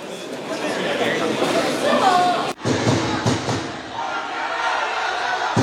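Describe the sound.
A large crowd of football fans shouting angrily at an airport at 4 a.m. as former coach Hong Myung-bo and several players return home, shouting for Hong Myung-bo to leave; a loud, dense wall of overlapping voices that briefly cuts out midway, then resumes with scattered thumps and slams underneath.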